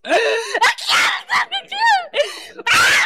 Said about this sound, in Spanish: Oye, Satanás, ¿qué te está pasando? ¿Por qué gritas?